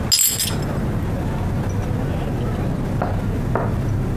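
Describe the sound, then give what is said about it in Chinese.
Glasses clink together in a toast to the studio's success during a meal, a bright ringing chime right at the start, followed by a couple of faint soft knocks over a low murmuring background. “来，祝咱们工作室再立新功，干杯！”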